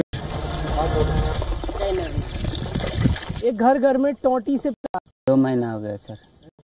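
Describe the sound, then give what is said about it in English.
Tap water from pipes gushes steadily into a container in a home in Melur village, Sukma, for a few seconds, a loud splashing rush, after which the pouring stops and a person begins speaking. “Since we are getting water, time we are getting water in our homes through pipes.”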